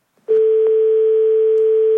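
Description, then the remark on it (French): A steady, loud telephone line tone kicks in after a faint click as a phone call is cut off, holding unbroken, a flat electronic hum like a dial tone. “Ah, on a été coupé. Allô? On a été coupé.”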